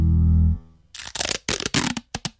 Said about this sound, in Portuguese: Já reparou? O sucesso tem um som. Não é o som dos aplausos, mas o som discreto de uma caixa a fechar, de um fardo a ser entregue.